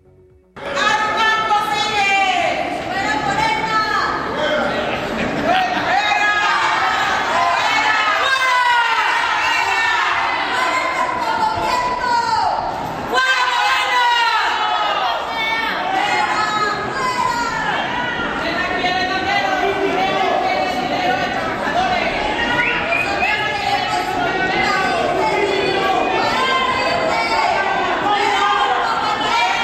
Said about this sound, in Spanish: Vamos a escuchar brevemente la manifestación.